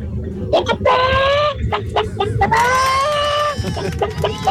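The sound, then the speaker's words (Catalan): A caller from Girona imitates a hen, giving two long, strained, high-pitched squawking calls between short clucking bursts, loud and alone over a low rumbling background. “Jo imitaré la gallina.”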